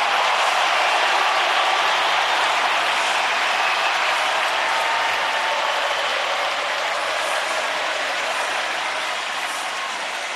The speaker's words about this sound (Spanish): Todo lo que aparece Messi se transforma en aplauso. Es impresionante.